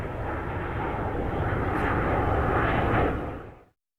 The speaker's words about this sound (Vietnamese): F-105D còn được mệnh danh là thần sấm của không quân Mỹ, chính là dựa vào tiếng gầm rít khủng khiếp của nó.